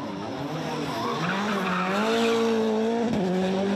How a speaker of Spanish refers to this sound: Vimos al legendario conductor de Fórmula 1, David Coulthard, haciendo drifting por las calles de Zagreb en un bólido de Fórmula 1.